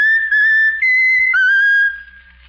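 A talking bird named Raffles whistles a short tune: clear, pure sustained notes that step up and down in pitch across a few phrases, loud and alone with no talking.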